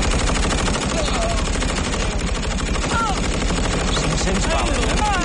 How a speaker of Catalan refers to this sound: Els alemanys, que encara no creuen el que veuen els seus ulls, preparen les seves metralladores hey. I obren foc.